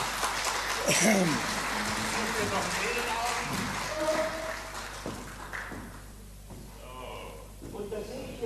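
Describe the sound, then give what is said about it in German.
An audience claps for a volunteer called up from the crowd for a prize game, a steady, dense wash that fades after a few seconds, with voices talking over the applause throughout. “Ich glaube, ja, ein Applaus für die Dame hier vorne.”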